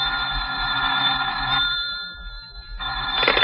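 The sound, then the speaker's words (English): A telephone bell rings loudly with a bright, metallic jangle, stops briefly, then starts ringing again. No one speaks. “You're still slouched there half an hour later when the telephone rings.”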